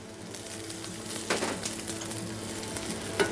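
Onion, added first to very hot oil while cooking curry chicken, sizzles steadily, a dense, crackling hiss that stays fairly even, with a brief louder burst of spattering partway through and a soft clink at the end.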